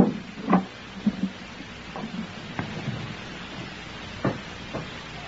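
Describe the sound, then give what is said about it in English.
Sharp, hollow knocks at a door, about six or seven spread unevenly across a few seconds, moderately loud over a steady hiss, with no one speaking. “Someone at the door, Harry.”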